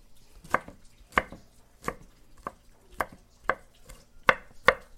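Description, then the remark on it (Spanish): A knife chops palm hearts on a board: about eight crisp, sharp knocks at a steady, unhurried pace, each with a brief woody snap, with no talking. “Ahora vamos a ponerle este poquito de palmito.”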